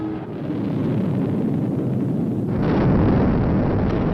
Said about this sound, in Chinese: 点火20多秒以后，就在眼见的这个范围里头，离得发射场不远的地方就爆炸了。